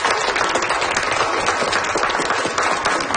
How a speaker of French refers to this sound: Je pense qu'on peut lui donner une bonne main d'applaudissements. Merci!